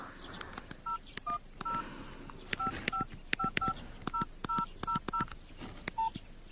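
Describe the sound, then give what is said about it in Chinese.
A rapid series of short, clear telephone keypad tones as a number is redialed to try again to reach Director Chang, whose phone is switched off; each beep is paired with a faint click, ending in one slightly longer tone. No voices are heard. “您先别急啊，我再打一个试试。”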